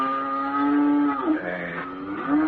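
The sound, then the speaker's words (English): Cattle moo in long, drawn-out calls that overlap, their pitch dipping and rising again partway through. The mooing is fairly loud, with no one talking. “Look, the cows aren't squinting.”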